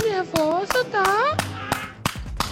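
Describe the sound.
Sharp hand claps land at uneven intervals, about seven in all, while high voices call out in sliding, sing-song tones over and between them.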